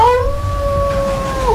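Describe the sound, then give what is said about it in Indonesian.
Wolves howl in long, steady, overlapping cries, two voices holding their pitches together before dipping at the end, loud over a low rumbling background. “Pada saat mereka telah putus asa, tiba-tiba terdengar lolongan serigala bergantian.”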